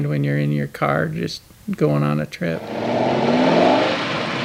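A car engine revs in a few short, throaty bursts, then settles into a long, loud roar that climbs in pitch as the car accelerates away.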